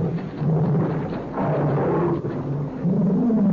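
A pet tiger's low, rumbling roar, sustained and growling with rough, throaty texture across several seconds, loud and without any voices.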